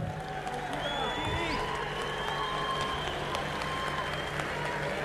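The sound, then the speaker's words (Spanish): A large crowd claps and cheers for a band's bombo drummer as he is introduced, a dense, sustained wash of applause with scattered shouts and high whistles rising above it, fairly loud and unbroken for the whole stretch. “Hace muchos años que venimos recorriendo el camino y no me va a dejar mentir alguien para quien voy a pedir un fuerte aplauso.”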